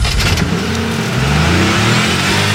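A car engine turns over and catches, then revs loudly with rising and falling pitch, alone with no voices.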